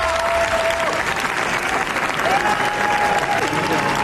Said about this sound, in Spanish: Veinte minutos de aplauso se ha llevado la película de los Javis, gran comienzo para los directores que se estrenan en la Croisette